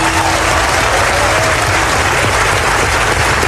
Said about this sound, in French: 7 ans après avoir essuyé les huées du MIDEM dans cette même salle du Palais des Festivals, … est cette fois ovationnée et elle offre un moment qui est devenu culte dans l'histoire du Festival de Cannes.